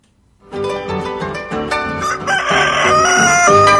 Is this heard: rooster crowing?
yes